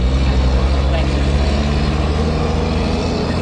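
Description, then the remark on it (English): A motor vehicle rumbles past on the street, its loud, steady low engine and road noise filling the few seconds with no clear rise or fall. “I'll let the car pass.”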